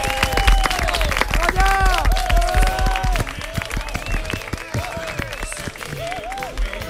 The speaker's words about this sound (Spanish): Un aplauso.